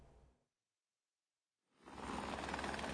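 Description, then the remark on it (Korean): A South Korean government rapid response team's search helicopter over a flood-hit area in Nepal: loud, steady rotor roar fills the second half after a brief silence; a fainter burst of the same engine noise cuts off at the start. No one speaks. “신속대응팀이 홍수 피해 지역에 헬기를 투입한 시각은 현지 기준 오전 11시 45분과 낮 12시 40분입니다.”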